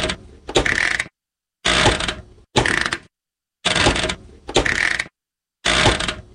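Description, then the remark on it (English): A household washing machine's on-off switch is worked repeatedly, giving six loud mechanical clunks and ratcheting clicks, each lasting under a second and separated by brief silences. “The on-off switch.”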